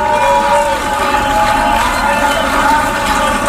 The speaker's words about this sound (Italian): Grandi applausi, Free Palestine in aula.